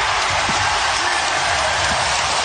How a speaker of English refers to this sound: There's the crowd. There's Oklahoma City.